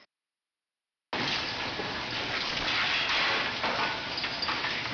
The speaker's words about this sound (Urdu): کاریگروں نے پانی کو بہتا ہوا چھوڑا ہوا ہے اور وہ بڑی مہارت سے پانی استعمال کرتے ہوئے مچھلی کاٹ رہے ہیں.